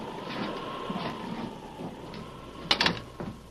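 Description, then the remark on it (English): An unlocked door is opened with a quick cluster of sharp latch clicks and rattles near the end, over a steady wash of rain and storm noise. “Wait. The door's unlocked. Come on.”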